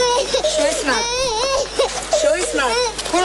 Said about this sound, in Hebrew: מהחלון אנחנו מזהים ילדה קטנה בת 4 כאשר היא בוכה והיא צועקת לעזרה.